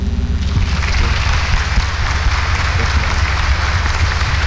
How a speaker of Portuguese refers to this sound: Muito bem. Podem voltar lá onde vocês estavam, queridos. Palmas para eles também, gente.